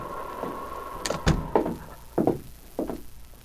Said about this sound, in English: When there was no response to a knock on the door, Sergeant Preston lifted the latch and walked into the cabin.